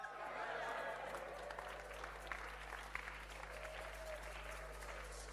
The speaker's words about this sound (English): If you are not clapping, you are a hypocrite.